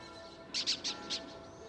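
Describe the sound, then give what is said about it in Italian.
A young falcon lets out a quick series of high, thin calls in a short burst, clear above a faint, steady background hum, with no voices. “Il giovane falco è uscito dall'uovo prima dei suoi fratelli.”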